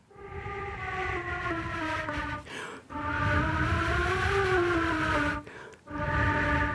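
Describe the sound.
A flute played softly to imitate wind: long, breathy sustained tones that rise and sag slightly in pitch, broken by two short pauses. No one speaks over it.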